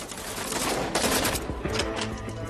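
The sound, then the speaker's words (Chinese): Intense, sustained gunfire during fighting against US troops at Hill 346.6, with dense overlapping shots and sharp bursts crackling continuously, loud, with no voices. “上头报告，346.6高地激烈的枪声还在继续。”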